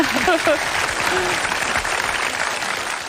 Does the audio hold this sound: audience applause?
yes